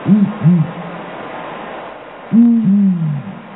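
A male and female owl of the world's biggest owl species hoot in a tightly synchronized duet, the male giving the first and third deep low notes and the female the second and fourth: a pair of hoots, a pause, then another pair, clear with no voices.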